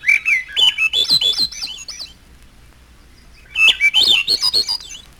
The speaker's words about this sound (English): The final section, Misterioso, contains only thrushes. Olive-backed thrush.